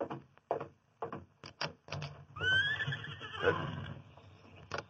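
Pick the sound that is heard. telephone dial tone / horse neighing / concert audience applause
horse neighing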